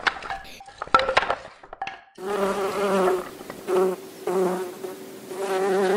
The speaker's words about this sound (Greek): Τα καταφέραμε, οι μέλισσες πετάνε χαρούμενες.